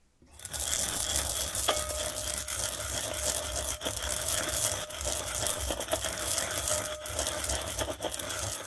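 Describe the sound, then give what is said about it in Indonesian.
Two tablespoons of toasted white sesame seeds being ground with a pestle in a mortar to make a sesame dressing for asparagus: a steady, gritty scraping and grinding that runs continuously for several seconds, fairly loud, with no talking. “Masukkan 2 sendok makan biji wijen putih sangrai di dalam cobek atau lumpang dan haluskan menggunakan pengulek.”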